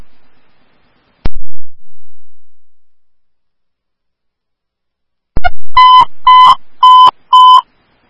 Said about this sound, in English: Woodbury Station 1AF, Woodbury Ambulance 1, here are your tones for Woodlands 1925 Woodlands Drive for difficulty breathing.